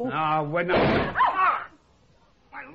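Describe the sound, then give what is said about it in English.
A heavy cellar door slams shut once, a loud, booming thud landing between bursts of tense voices, followed by a short quiet stretch before someone speaks again. “open the cellar door.”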